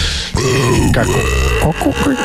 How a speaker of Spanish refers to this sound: Un eructo. Un eructo horrible.